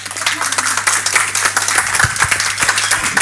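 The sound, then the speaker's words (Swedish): An audience applauds steadily at the end of a program, a dense wash of many hands clapping at an even loudness throughout, with a low steady hum underneath and no one speaking. “Jag tycker det är en stor applåd.”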